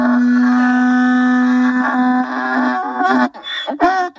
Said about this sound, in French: Donc c'est une asinerie, donc c'est un élevage d'âne. Je vous présente Serpollet.